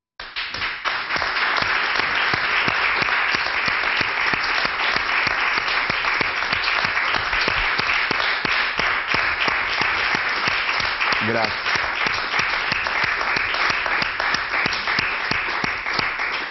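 A large audience applauds steadily and loudly for about sixteen seconds, a dense, continuous wash of clapping with no pauses from start to finish.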